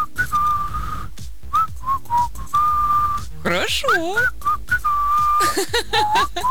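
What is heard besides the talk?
person whistling a tune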